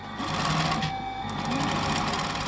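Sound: sewing machine stitching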